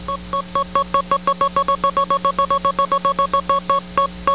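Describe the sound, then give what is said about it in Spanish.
A prize roulette wheel spinning effect: a rapid, steady train of bright electronic beeps ticking over and over for several seconds, loud, with no voices, spun to award a prize. “Acciona la ruleta, 945.”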